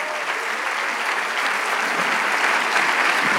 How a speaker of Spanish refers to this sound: Le damos el aplauso al Rey de Reyes.